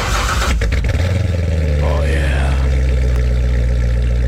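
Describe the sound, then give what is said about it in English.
A Chevrolet Corvette sports car engine cranks and catches with a few sharp bursts, then settles into a loud, deep, steady rumble with a slight rise in pitch midway. “No, that's a Corvette right there.”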